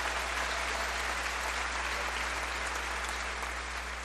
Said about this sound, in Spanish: Háblense, por amor de Dios. Háblense. Un aplauso al amor y al matrimonio.